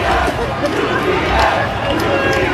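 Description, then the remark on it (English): A loud street crowd of Knicks fans on the Upper East Side chants "UPS" MVP chants at a UPS truck stopped at a light, many voices shouting and chanting together in a dense, continuous roar with rhythmic swells and no quiet gaps. “Here's Knicks fans on the street last night when a UPS truck pulled up to a light on the Upper East Side.”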